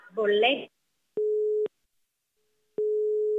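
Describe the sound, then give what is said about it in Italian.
A brief burst of speech gives way to a telephone busy tone after the call is hung up: steady, single-pitched beeps, each about half a second long, separated by silences and fairly loud. “Ma che cazzo fai? Mi butti giù il telefono?”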